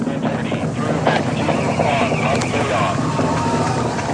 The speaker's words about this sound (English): Now about 1 minute in flight, the SLS rocket traveling faster than the speed of sound. Engines about to throttle back as it approaches max Q, the point of greatest aerodynamic pressure on the vehicle.